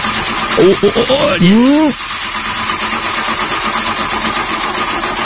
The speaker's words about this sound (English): You tried to turn the car on.